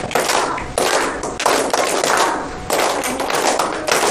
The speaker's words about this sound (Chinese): 对，好了，很好，把掌声先送给他。